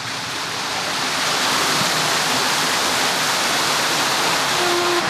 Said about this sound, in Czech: Proud vody už viditelně zmohutněl, kolo se roztočilo